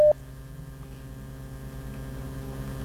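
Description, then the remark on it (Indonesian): A listener's WhatsApp call connecting: one short, loud electronic beep, then a steady low hum with faint pulsing from the open line. No one speaks. “Saya geser dulu ke telepon WhatsApp ini pendengar.”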